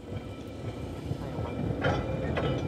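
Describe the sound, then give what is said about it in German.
An electric tram of the Manx Electric Railway, its cars dating from the 19th century, runs from its terminus at the eastern end of the seafront promenade, rolling along its rails with a steady low rumble and rattle, growing slightly louder, with a couple of brief brighter clanks near the end. No one speaks. “Seit 133 Jahren fährt von hier aus die elektrische Straßenbahn über die Insel.”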